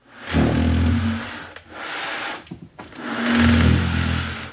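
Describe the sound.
A boy's voice imitates squealing car tyres at a car race in two long, hissy, strained bursts, separated by a short stretch of choppy sputtering noises.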